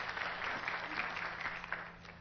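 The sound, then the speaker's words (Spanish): Audience applause for the Lord: a dense, steady wash of many hands clapping at moderate loudness, sustained throughout with a few sharper claps popping out, and no voices. “A ver, un fuerte aplauso para el Señor.”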